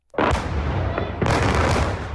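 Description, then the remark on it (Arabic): Two powerful explosions from Russian air strikes shaking the Ukrainian capital Kyiv in the early morning hours, each a sudden loud boom followed by a long rumbling roar, the second coming about a second after the first, with no voices. “عادت أصوات الانفجارات القوية لتهز العاصمة الأوكرانية كييف في ساعات الصباح الأولى، معلنة استئناف الضربات الجوية الروسية عقب انقضاء هدنة ميدانية دامت ثلاثة أيام.”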